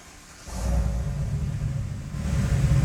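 A truck engine is started on request at Xenia High School; it cranks and catches around half a second in, then settles into a steady, low rumbling idle that stays fairly subdued and quiet, with a slight rise near the end.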